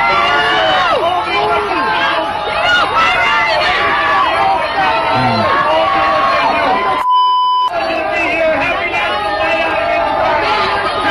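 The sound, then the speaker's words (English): A large crowd boos loudly and steadily, a dense wash of many voices that never lets up, briefly cut by a short electronic beep partway through. “And then after realizing the booing is going to go on for a while, he's like, all right, see ya, I'm going to leave, bye.”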